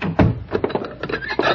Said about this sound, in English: Come in. Shut the door and bolt it.